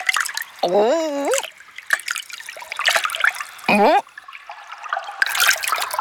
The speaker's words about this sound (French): Au milieu de l'immense salle, il y a un petit ruisseau.